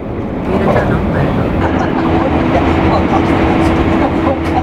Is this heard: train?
yes